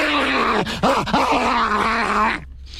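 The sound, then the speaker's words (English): A man running over a hill lets out a long, loud, guttural growl imitating a wild animal, sustained and wavering with a few rough pulses before it cuts off near the end; from the TV show A Current Affair. “So what's the update on the bloke that runs over the hill growling, which I can...”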